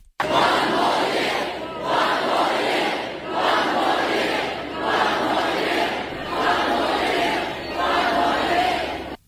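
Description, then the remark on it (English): A large crowd of thousands of fans at Brisbane's River Stage roars and chants, celebrating the team's third AFL Premiership in a row, in rhythmic waves swelling and dipping roughly every two seconds, loud and sustained throughout with no single voice standing out. “Thousands of fans have packed Brisbane's River Stage to celebrate with the team.”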